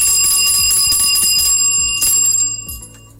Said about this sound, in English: All right. Take the bell of blessings.